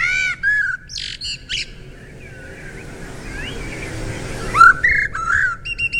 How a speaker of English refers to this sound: Well, they might not be the most colourful garden visitor, but apparently blackbirds have the prettiest bird song of all. And this is according to experts. So, do you know what the blackbird sounds like? Have a listen. Oh, here he is.